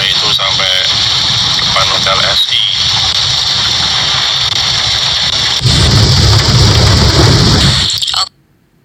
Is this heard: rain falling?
yes